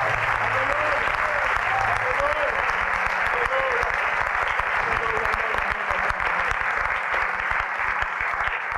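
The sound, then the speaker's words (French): An audience applauding as a hand clap of praise in a loud, sustained burst of dense clapping that continues steadily for the full stretch, with scattered voices and a few raised calls mixed into the roar. “Give him a great hand clap of praise.”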